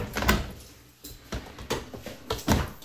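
A dishwasher door swings open, followed by several sharp clunks and rattles as racks and contents shift while the finished dishwasher is being unloaded, spaced irregularly over a few seconds with no voices.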